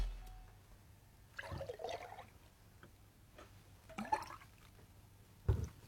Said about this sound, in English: All right. The pouring will commence now.